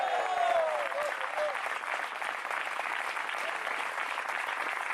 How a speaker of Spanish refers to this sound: ¿Cuántos dicen gloria a Dios? Queremos oír un fuerte aplauso y un gloria a Dios de los valientes.